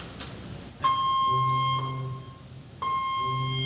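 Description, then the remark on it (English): An abandon-ship drill alarm aboard the training ship Empire State blares, a loud, harsh, buzzing electronic tone that sounds in long sustained blasts, restarting partway through, with no one speaking. “On the Empire State, this is a drill, this is a drill, this is a drill. Please report to your abandoned ship muster station.”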